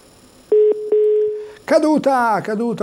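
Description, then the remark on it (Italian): A steady, fairly loud telephone line tone hums for about a second after a couple of sharp clicks as a caller's phone-in call drops, then cuts off as someone begins talking. “Caduto.”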